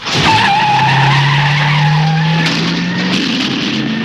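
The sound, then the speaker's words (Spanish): A car peels out with a loud, sustained tire screech over a revving engine, the squeal holding steady for several seconds before the car pulls away at full speed, heading for Chicago. No one speaks. “Camino de Chicago, claro que sí, a toda pastilla.”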